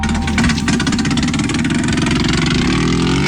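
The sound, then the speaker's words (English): A racing motorcycle engine runs loudly and steadily on the Isle of Man during TT (Tourist Trophy) Week in 1973, a dense rumbling drone with a rapid pulsing texture and slight revving, with no voices present. “Now, the TT, or Tourist Trophy, is an annual motorcycle race and has long been regarded as the most dangerous race in the world.”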